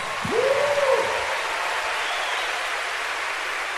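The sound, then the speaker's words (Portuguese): An audience at a worship service applauds God steadily throughout, a dense wash of clapping, with a brief rising whoop or cheer near the start before the clapping carries on evenly. “Aplaude ele aí, meu irmão.”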